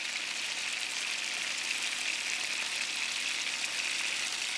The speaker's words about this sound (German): Wir legen das Ende hier in die Pfanne als erstes und lassen es anbraten. Und dann ist das Fleisch schon fest. Die Rouladen werden in Butterschmalz von allen Seiten scharf angebraten.